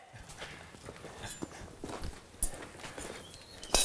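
A tame horse's hooves clop unevenly on a hard surface while it is being shod. Several distinct footfalls land at an unhurried walking pace, with faint background rustle and no talking.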